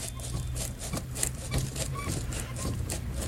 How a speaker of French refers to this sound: Vous voyez, vous avez ici une manivelle. C'est un moteur de phonographe qui est dedans. Hein. En remontée. Vous voyez, en remontée, ça comme un phonographe.